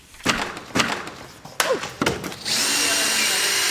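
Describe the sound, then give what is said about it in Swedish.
A power tool works in short bursts, punctuated by several sharp knocks and clatters, then runs steadily in a continuous high whine until the end, as the Liberal party's election pavilion is dismantled after the election campaign on Mälare torg in Ekerö, outside Stockholm, Sweden. “På Ekerö utanför Stockholm är det med bitterljus smak i munnen som det där valbåset rivs.”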